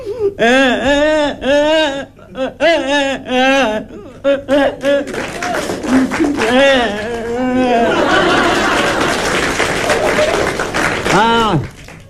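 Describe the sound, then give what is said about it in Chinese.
A performer's voice imitates a child crying as the child comes in, with loud, wavering sobs and wails in quick bursts, then more voiced sounds follow, with a burst of audience laughter and applause near the end. “正这功夫孩子哭着进来了。”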